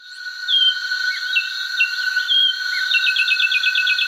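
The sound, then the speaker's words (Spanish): A finch, a 16-centimetre bird with a grey head, two black stripes on the crown, a black eye stripe reaching the nape and a cone-shaped bill, sings: scattered short, high chirps that build into a quick, even trill near the end, over a steady high-pitched insect drone. No voices. “Así canta el pinzón con el rostro.”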